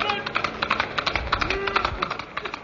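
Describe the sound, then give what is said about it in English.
Hooves of Silver, the Lone Ranger's white horse, clip-clop in a quick, steady gallop rhythm, sharp knocks repeating at moderate loudness, with a faint sustained tone briefly sounding midway through. “A white horse and a cry of hey-ho, Silver.”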